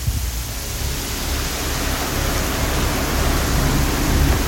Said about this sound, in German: Es wird immer mehr, es gibt viel Wasser. Wie schön ist das denn? Ja, da schifft's ordentlich momentan in Freiburg.